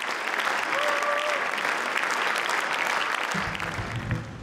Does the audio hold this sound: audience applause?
yes